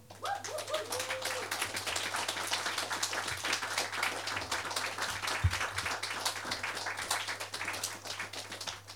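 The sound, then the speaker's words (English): An audience gives another round of applause for everyone who performed, applauding steadily for the whole stretch, a dense crackle of many hands clapping at an even volume, with no voices over it and a low hum running underneath. “Another round of applause for everyone.”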